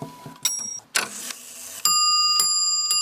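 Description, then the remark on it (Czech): A clock mechanism made by a Prague clockmaker whirs briefly into motion, followed by a sustained ringing metallic chime with bright overtones as a hammer strikes it, fairly loud, with no talking. In Velké Meziříčí, Czech Republic. “Roztáčí se strojek.”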